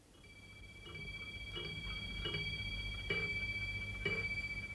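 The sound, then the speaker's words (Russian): An antique clock in the study of Vladimir Nikolaevich Rimsky-Korsakov, son of the composer, strikes, sounding about five evenly spaced chimes over a steady lingering ring, with a low hum underneath and no one speaking. “Бьют старинные часы.”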